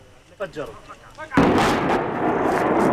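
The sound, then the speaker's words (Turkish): Faint voices murmur briefly before a sudden, powerful blast erupts, followed by a sustained roar of crashing debris as the Israeli army demolishes with explosives the house of Palestinian Faruk Ramazan in Tel village, West Bank. “Patlayıcı yerleştirilen ev saniyeler içinde yıkıldı.”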